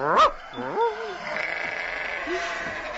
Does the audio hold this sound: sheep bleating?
yes